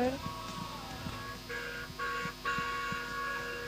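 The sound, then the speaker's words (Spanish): Several car horn honks sound in quick succession, steady mid-pitched blasts of moderate loudness over a busy background with faint voices. “Sí, se escucha. Bocinazo, no sé de... ese, porque hay varios bocinazos.”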